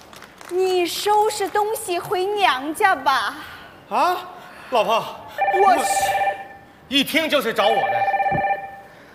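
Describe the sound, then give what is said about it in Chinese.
A telephone rings twice in steady, loud electronic bursts, after several seconds of lively voices talking over each other. “我去， 一听就是找我的。喂， 喂，是爸爸吗？”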